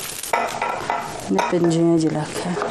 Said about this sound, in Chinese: 柴火灶上温水慢煮，把切好的猪瘦肉下锅。